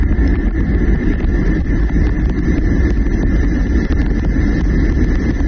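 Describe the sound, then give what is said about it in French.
A steady white-noise recording from YouTube, used at low volume to soothe infants: an unbroken, even wash of hiss weighted toward a deep rumble, holding the same loudness throughout with no voices or pauses. “Ah, alors c'est incroyable, moi aussi j'ai découvert que voilà, donc voici un exemple à vos aspirateurs de notre bruit blanc qu'on peut retrouver sur YouTube par exemple.”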